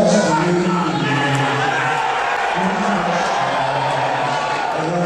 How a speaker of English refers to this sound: that's the president being booed there at an NBA match